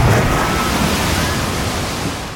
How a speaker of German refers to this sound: Wir rutschen gemeinsam die Wasserrutsche runter. Sobald ihr in dieser Stunde dieses Geräusch hört.